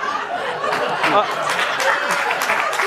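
An audience applauds steadily with a dense patter of clapping, mixed with some laughter and crowd murmur, holding at a fairly even loudness throughout.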